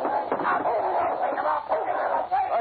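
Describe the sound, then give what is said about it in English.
A dog barks and snarls ferociously while attacking a man who pulled a gun, in a continuous, harsh, tinny stream, loud throughout the short clip with no pause. “You shouldn't have pulled a gun with my dog watching you.”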